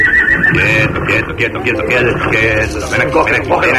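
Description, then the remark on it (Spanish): A horse, the Warner brothers' father's horse, neighs loudly, a long, shrill, quavering whinny that rises and falls in pitch and keeps going for several seconds. “Todo empezó con el caballo de papá.”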